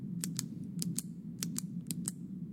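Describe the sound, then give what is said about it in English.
A pen clicks over and over in quick pairs, a sharp click-click roughly every half second, crisp above a low steady hum, with no one talking. “The old pen clicking.”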